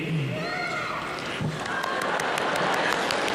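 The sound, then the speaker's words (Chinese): An audience applauds actor Yu Shi in a steady, dense wash of applause that holds at an even, fairly loud level, with a few faint voices calling out near the start. “观众的声音都响了。”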